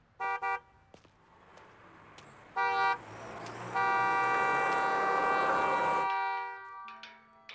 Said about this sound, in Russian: Рядом медленно проезжают легковые автомобили.